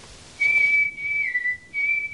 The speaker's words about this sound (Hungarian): Fütyült a fickó.